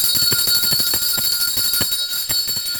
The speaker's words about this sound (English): Let's ring today's lunch bell.